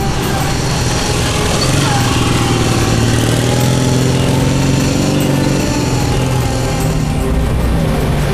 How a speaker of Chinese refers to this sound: 团长，就一辆摩托车